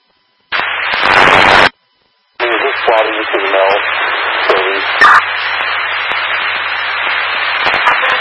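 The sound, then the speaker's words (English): A loud burst of harsh radio static cuts off into a second of silence, then a crackling, noisy radio transmission to car 1717 returns with muffled, garbled voice sounds buried under the interference. “Car 1717, there's some interference.”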